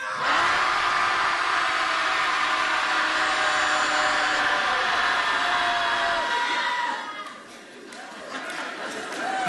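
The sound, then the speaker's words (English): A group of people at a Shouting Society gathering in Portland shouts together on a count of three in one long, loud, sustained roar of overlapping voices that fades and breaks apart near the end. “Shouting Society commences.”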